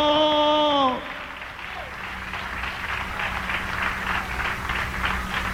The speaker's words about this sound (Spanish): ¿Cuántos estamos agradecidos esta noche? Dale un aplauso de alabanza. Dale un aplauso de gratitud al Cordero.